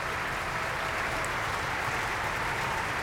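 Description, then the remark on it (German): Sustained applause from a large opera audience at the Bayreuth Festival Ring, for Camilla Nyhl and her Brünnhilde that evening. It is a dense, steady crackle of many hands clapping at even loudness throughout, with no voices rising above it. “Ja, Sie ahnen es. Dieser Applaus ist für Camilla Nyhl und die Brünnhilde heute Abend.”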